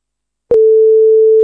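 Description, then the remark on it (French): A click, then a steady, loud electronic answering machine beep before a recorded message plays, holding one pitch for about a second with nothing else around it. “Le répondeur clignote, on a un message, on l'écoute.”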